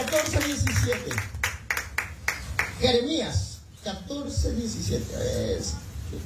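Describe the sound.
A church audience claps in quick, sharp bursts as a loud offering of applause for the first few seconds, with a man's voice speaking over the applause before the clapping fades and the talking continues.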